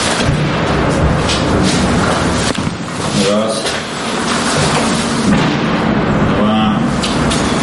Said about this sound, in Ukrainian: Раз за разом лунають вибухи.